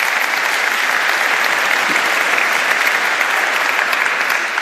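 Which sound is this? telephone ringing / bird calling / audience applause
audience applause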